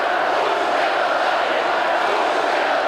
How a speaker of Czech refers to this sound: Slyšíte ještě skandované pokřiky, skandování všech přítomných tady na třetím Hradčanském náměstí, kteří zdraví svého prezidenta.